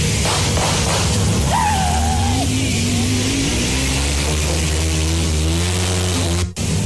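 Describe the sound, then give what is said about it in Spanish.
A motorcycle engine revs up loudly in front of the Fiscalía General de la República, its pitch climbing steadily as it accelerates over several seconds, then cutting off abruptly at the end. “A ver, miren, ahí va la moto.”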